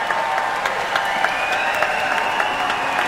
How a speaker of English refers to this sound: When Jeremy, who's the concertmaster, and really is very much leading what's going on the stage here, when he comes on at the beginning for his bow, would you please give him a much bigger cheer than you do on a normal Wednesday, Friday, or Saturday?